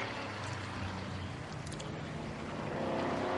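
The V8 engine of a Lister racing car, running in fourth place and catching up to the safety car, roars steadily, a dense, rumbling drone that holds loud throughout and swells slightly near the end, with no voices.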